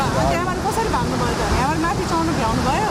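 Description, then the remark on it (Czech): A steady, loud roar of rushing water from a still-flooded river in the mountains fills the scene, continuous, with the voices of people standing near the river talking over the torrent. “přivezl sebou z hor spoustu natočeného materiálu, mimo jiné zachytil lidi stojící kousek od stále ještě rozvodněné řeky.”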